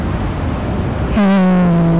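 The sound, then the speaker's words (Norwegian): Steady, dense street noise of passing traffic and many people fills the first half, then a loud, sustained low horn-like tone with rich overtones abruptly takes over and holds to the end. No speech. “Det trafikk og masse folk.”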